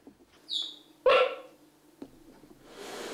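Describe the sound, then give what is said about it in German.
Young puppies give high, thin squeaks that sound almost like bird chirps, a couple of short calls, ending in a soft rustling hiss. “Die Piepser der Kleinen klingen wie Vogelstimmen.”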